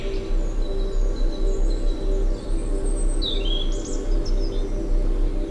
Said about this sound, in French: Des gazouillis d'oiseaux, des insectes pollinisateurs, et nous voici transportés dans ce monde